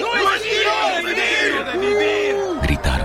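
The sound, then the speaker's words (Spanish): A loud, agitated crowd in a Bible reading shouts and yells all at once against Paul, many voices overlapping in a continuous uproar that lasts the whole three seconds, with a few rising cries standing out. “Entonces todos comenzaron a gritar: ¡Lévense ese tipo!”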